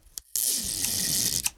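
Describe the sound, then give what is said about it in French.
A long piece of adhesive tape is pulled off a roll in one long, loud rasping screech lasting just over a second, with a short sharp crackle before it and another as it ends. “Il déroule un grand bout de scotch. Il en déroule un autre.”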